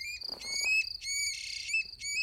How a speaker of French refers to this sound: Une grive musicienne. Attends, Al, je te repasse son chant.